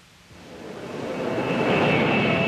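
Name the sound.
airplane engine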